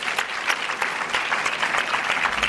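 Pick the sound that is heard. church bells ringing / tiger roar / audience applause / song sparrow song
audience applause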